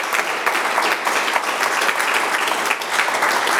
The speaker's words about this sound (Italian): Un altro applauso